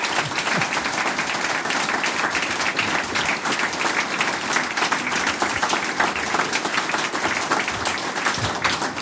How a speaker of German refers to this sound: Der Harmonikerverband Österreichs hat euch diesen verliehen, den Harmonika-Award für die Volksmusikgruppe in der Steiermark. Ich denke, das hat sich einen Applaus verdient,